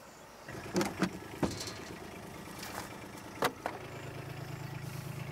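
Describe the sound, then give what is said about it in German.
A car drives up and its engine runs at a steady low idle, with a few sharp clunks and mechanical knocks scattered over it, and no one speaking. “So, dann kommen wir her mit dem Auto.”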